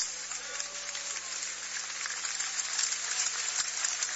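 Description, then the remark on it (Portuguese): An audience, told to sit down, applauds joyfully for Jesus, a steady, dense, even patter of many hands clapping at once for a few seconds with no voices over it. “Podeis assentar e dar uma salva de palmas.”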